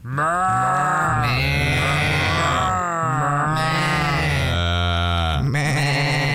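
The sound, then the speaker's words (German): A man's voice imitates a bleating sheep herd, heard on the radio station RBB 88.8: loud, wavering, nasal bleats overlap in a continuous chorus, swelling in three long waves with brief breaks between them. “Aber passen mal auf, was Sie jetzt hören hier auf RBB 88.8, das ist keine echte Schafsherde, sondern das ist ein Mann, der blökt.”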